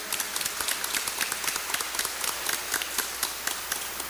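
An audience applauds with steady, dense clapping, many hands striking in a brisk, uneven patter at moderate volume, with no voices over it.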